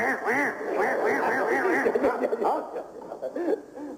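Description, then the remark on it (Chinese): A man's voice imitates the croak of a frog, called a toad in Beijing, heard by the river in Beihai Park: a loud, continuous run of warbling, wavering croaks that rise and fall in pitch for about four seconds, with no words spoken. “啊，那不是老虎 啊， 那个叫啊青蛙，北京啊管它叫蛤蟆，正字念青蛙， 青蛙， 哎，那叫青蛙。”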